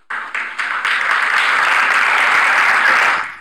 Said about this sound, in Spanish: Bueno, ahí a Milei lo aplauden. Ahí está Adorni también, ¿no? Ahí está Adorni también, ¿no?, aplaudiéndolo. Esto fue el día viernes, ¿eh?